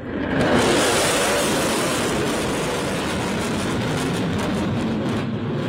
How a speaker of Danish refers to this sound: Jeg kom til at skære grimasse, og det gjorde Trump jo også, da det her fly fløj hen over hovedet på ham.